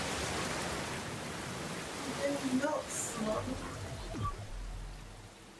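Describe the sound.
Steady rain falls throughout, a dense, even hiss that fills the whole clip, with faint low voice-like murmurs surfacing briefly in the middle beneath the downpour.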